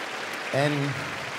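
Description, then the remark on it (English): An audience in Frankfurt applauds the Higher Symphony Orchestra steadily in a dense, even wash of clapping, while a single voice briefly rises above it partway through before the applause carries on alone. “And this, yes, you can applaud them, yeah, absolutely, thank you.”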